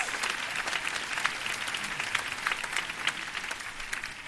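Steady applause from a film festival audience applauding themselves, a dense wash of many hands clapping at once, sustained and fairly loud throughout without any voices standing out.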